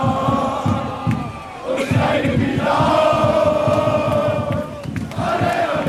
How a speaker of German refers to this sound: Und du hast ja gerade auch schon den Fanmarsch angesprochen. Wir hören noch mal rein, da bin ich ja eben auch mitgegangen.